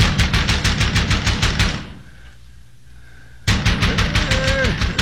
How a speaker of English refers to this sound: What demons come in the black of night, crashing on the door like madmen? Stay up here, I'm coming. Who knocks? Who knocks?